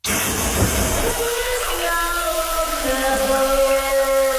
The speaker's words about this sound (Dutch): En die douche die klinkt dan ook weer een beetje als regen. Maar goed, hij is aan en er wordt weer naar hartelust onder gezongen.